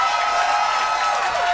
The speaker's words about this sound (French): Bravo, vous pouvez applaudir